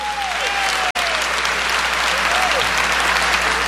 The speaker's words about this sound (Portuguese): Vai aplaudindo esse Deus maravilhoso no meio de nós. Ele está vivo. Mais forte, mais forte, mais forte. Ele está vivo.